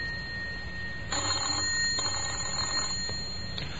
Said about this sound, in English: Someone tried late Sunday. Whoever it was kept trying, but only the bell sounded in the empty house.